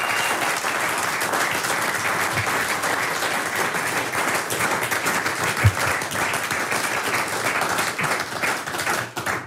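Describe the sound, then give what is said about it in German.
A large audience at the Heimattage festival in Oberkirch applauds steadily for about ten seconds, a dense, sustained wash of many hands clapping at a fairly loud, even level with no one speaking over it. “Ihr Applaus.”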